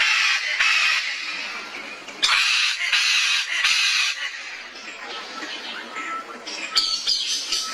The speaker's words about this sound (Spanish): Este sonido corresponde al canto del ave guacamaya y hace parte del proyecto A Ritmo de Pájaros de la Fundación Corocoras. Esta iniciativa busca exaltar el paisaje sonoro de nuestra maravillosa Orinoquía.